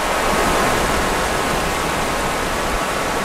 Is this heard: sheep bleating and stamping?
no